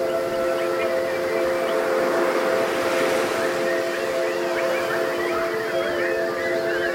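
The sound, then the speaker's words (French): A crowd whistles and chirps together in imitation of birds, a dense, continuous tangle of warbling calls over a steady sustained tone, loud and unbroken from start to finish. “Est-ce que vous pouvez pour moi chanter tels des oiseaux, s'il vous plaît?”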